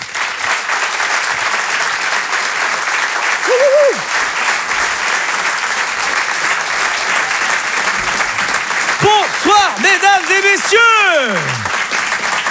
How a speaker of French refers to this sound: Je vous demande de l'applaudir lui aussi très très fort, s'il vous plaît.